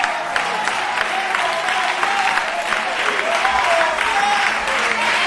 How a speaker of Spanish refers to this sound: Dele fuerte ese aplauso a Él.